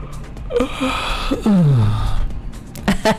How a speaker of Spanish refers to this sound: ¿Te acuerdas? ¿Quién bostezó conmigo de nuevo?